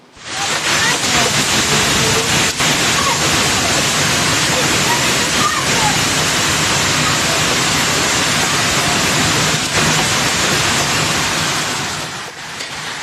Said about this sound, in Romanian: O furtună violentă cu grindină a lovit orașul Câmpul Lung Muscel din județul Argeș. În doar câteva minute, bucățile mari de gheață de mărimea unui ou au acoperit străzile și trotuarele și au distrus grădinile oamenilor.